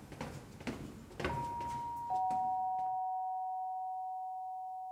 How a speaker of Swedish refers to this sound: Det ekar i trapphuset när Kalle ringer på.